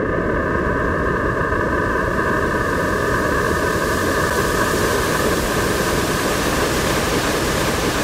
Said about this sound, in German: Das ist das weiße Rauschen. Das ist, wie wenn man mit allen Farben, die man hat, auf ein Blatt Papier malt. Das sind einfach alle Klänge zusammen.